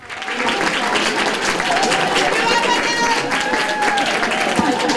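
A crowd cheers and applauds steadily, dense clapping mixed with excited shouts and high whoops that hold at a loud, even level for the whole stretch.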